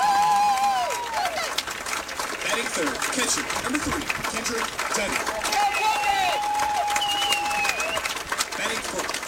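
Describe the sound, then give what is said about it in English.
A ballpark crowd from McCracken County cheers and claps in a steady, dense roar at a baseball game while an announcer's voice introduces the Mustangs' starting lineup over the PA, with a few high whistles rising above the noise. “Very nice crowd here from McCracken County.”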